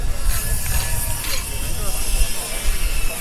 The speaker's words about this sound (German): Spanplatten werden zurechtgesägt.